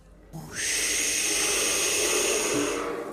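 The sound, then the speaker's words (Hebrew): A voice imitates big crashing waves with one long, loud, breathy whoosh, a steady hiss that rises quickly, holds for about two seconds and then fades. “של הגלים הגדולים”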